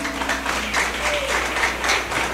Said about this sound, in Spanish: Gloria a Dios. Un fuerte aplauso para Cristo.